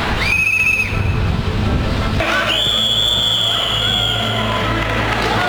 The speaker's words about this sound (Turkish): Trafikte güvenlik, minderde hakemlik. Aynı düdük, iki farklı görev.